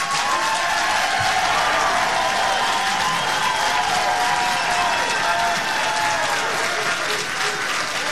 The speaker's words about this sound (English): We have had significant feedback from you as members of the council and from the folks that were just cheering behind me, asking questions about this project, about its impacts, and frankly, about the process to date.